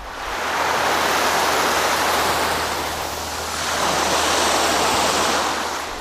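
Steady roaring surf washes over a beach, swelling in two broad surges with a brief dip in between, loud with no voices.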